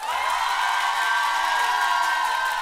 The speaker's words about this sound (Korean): 야, 많은 분들이 지금 이렇게 환호를 하고 해주고 계세요. 소리 질러! 박수와 함성!